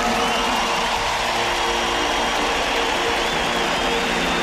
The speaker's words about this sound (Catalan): Volia demanar un aplaudiment també per tot l'equip tècnic que ha fet tot això possible.